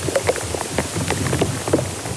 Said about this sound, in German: Sie nehmen die Geräusche von Insekten im Baum auf, aber auch wenn zum Beispiel Flüssigkeit im Baum auf- und abfließt. Da hört man auch mal ein Ploppen oder Knistern. Ja, und im Inneren einer Buche klingt das zum Beispiel so.